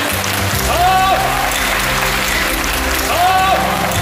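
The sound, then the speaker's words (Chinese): A large audience applauds steadily in a theatre after a Peking opera performance of The Legend of the White Snake, the dense clapping sustained and fairly loud for the whole stretch, with faint voices and a couple of brief rising tones mixed in. “这次演《白蛇传》真的可以说是下江南了，所以非常感谢大家鼓掌。”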